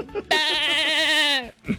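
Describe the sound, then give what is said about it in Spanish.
A person imitates a goat's bleat: one drawn-out, wavering nasal 'meh' lasting over a second, loud and close, followed by a brief vocal sound. “Y el chivo.”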